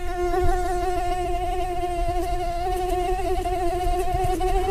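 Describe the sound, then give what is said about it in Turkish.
A steady, high-pitched whine from a female mosquito's beating wings, pitched at the note A, drones continuously, its tone wavering slightly with no pauses, heard alone without any voices. “İnsana sinir bozucu gelen bu ses la notasında ve aslında erkek sivrisinek için dişiden gelen bir aşk şarkısı.”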